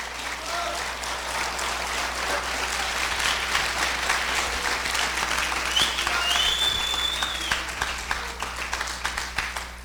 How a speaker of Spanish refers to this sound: Por eso, hermano, gracias por los aplausos a Cristo Jesús.